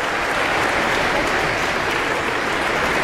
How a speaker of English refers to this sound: Applause continues as our conductor points to different sections of the orchestra and has them stand. It's a big orchestra, so there will be a lot of different sections and a lot of different soloists from the orchestra who will be stepping forward